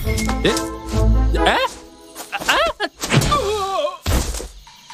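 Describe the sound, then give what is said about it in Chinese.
A sharp smack on the head as the cartoon character Da Ma Hou slaps Er Gou lands near the start among cartoonish wordless vocal groans and yelps, with another dull hit close to the end. “大马猴给二狗一巴掌。”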